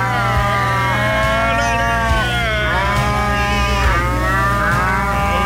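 Several cows moo loudly and almost continuously, their long drawn-out calls overlapping and rising and falling, over a steady low rumble, with no talking.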